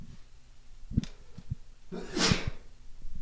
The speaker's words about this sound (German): jetzt muss ich erstmal niesen, Entschuldigung.